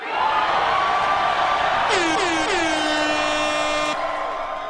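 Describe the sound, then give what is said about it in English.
An air horn blares in three quick stuttering bursts, then holds a loud, steady blast for a couple of seconds, over the constant roar of a cheering crowd of supporters in Denver as Maylot Quiros addresses them after her Democratic primary win. “A little air horn there contributing to the energy in the room.”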